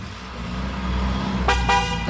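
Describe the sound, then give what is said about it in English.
A BMW Z4 convertible with its roof down, in sunshine, carrying two men: the engine rumbles low and steady, then the horn gives two quick toots in close succession near the end as the car pulls away. “getting in a BMW Z4.”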